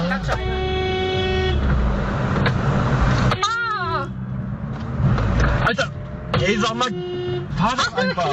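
Several car horns blare in a busy street as drivers honk in traffic, long sustained honks overlapping with shorter bursts, loud over a steady rumble of traffic.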